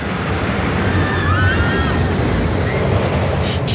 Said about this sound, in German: Ja, das ist die neue Wasserachterbahn Donnerwind aus dem Freizeitpark Plon.